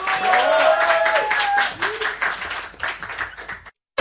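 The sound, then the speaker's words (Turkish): An audience breaks into sustained applause for the orchestra members, a dense wash of clapping with some cheering voices and a few whistle-like tones early on, fading slightly before stopping abruptly. “Orkestra arkadaşlarım için de alkış.”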